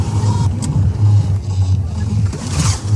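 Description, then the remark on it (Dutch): A motorboat engine being restarted chugs loudly, its deep rumble surging and dipping as it revs repeatedly, with a broad rush of wind or water noise over it. “Gaan we kijken of we deze boot weer aan de praat krijgen.”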